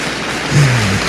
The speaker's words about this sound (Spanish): Ahora, okay, un aplauso a Cristo. Very good, very good.